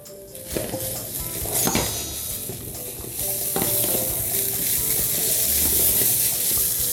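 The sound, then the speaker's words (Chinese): Steady sizzling of green beans being stir-fried in a hot wok over high heat to reduce the sauce until dry, with repeated scraping and clanking of a utensil against the wok, growing louder and more intense midway through. “我们现在要做的动作就是准备要开大火， 了解， 要开始收干， 了解。”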